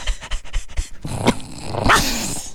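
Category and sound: animal, dog growling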